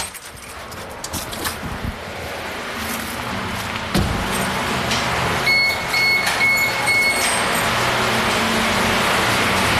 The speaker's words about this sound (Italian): ci apre e si inizia a sentire scorrere l'acqua.